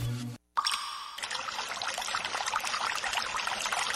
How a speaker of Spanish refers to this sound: El sonido del agua no solo es sinónimo de relajación, sino también de vida, de desarrollo y de salud.